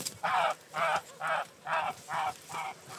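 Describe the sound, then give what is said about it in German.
A goose badly wounded by pecking ravens honks six times in a steady, evenly spaced series, each call short, harsh and nasal, fairly loud against a faint background with no talking. “So sieht eine Gans aus, die von Kolkraben einfach nur angehackt wurde.”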